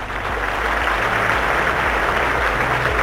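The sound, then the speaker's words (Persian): A dense, steady round of applause from a crowd, many hands clapping in an even wash of sound for about three seconds, with faint low tones underneath and no voices. “این واقعا تشویق داره.”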